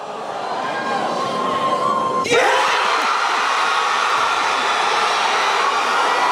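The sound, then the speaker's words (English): A huge crowd of Marvel fans suddenly erupts into wild, roaring cheers and screams as Marvel announces Robert Downey Jr. as Doctor Doom for Doomsday, after a couple of seconds of steady background noise; the dense wall of sound holds loud and sustained until the end. “The cheer is the crowd going crazy.”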